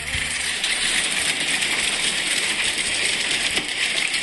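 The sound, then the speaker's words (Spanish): Hail falling hard and steadily in Belville, starting without rain, a dense, continuous clatter of countless small impacts with scattered sharper ticks and rattles throughout, loud and unbroken, with no voices. “Sí, acá me están mandando a videos, granizo en Belville, empezó en seco, a ver.”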